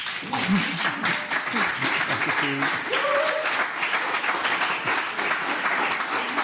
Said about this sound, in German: Vielleicht darf ich Sie noch mal um einen kleinen Applaus bitten.